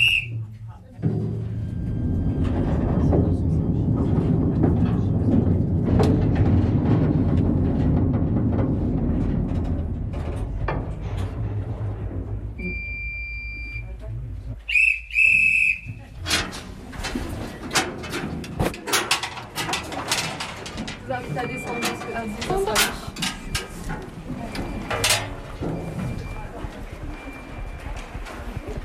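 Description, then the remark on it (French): A small mine train rumbles steadily through a gallery of a slate mine during a guided visit, covering 300 metres of gallery; a brief metallic squeal gives way to loud, irregular clattering and clacking of wheels on rails. “avec ce magnifique train, nous venons de parcourir 300 mètres de galerie sur les 4 km que comptent les ardoisières”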